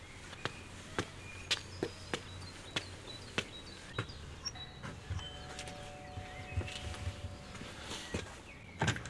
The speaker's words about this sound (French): Je marche jusqu'à la villa blanche, au volet bleu. Voilà, il y a une petite dizaine de marches, et je vais sonner à la porte.